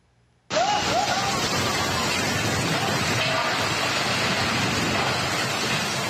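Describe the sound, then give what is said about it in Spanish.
After a brief silence, a loud, dense roar of torrential storm rain cuts in abruptly and continues steadily without letup, enveloping; a storm in Fujian province, China, after Typhoon Saudel, during which a three-story house collapsed. “Una casa de 3 pisos se desplomó en medio de una tormenta.”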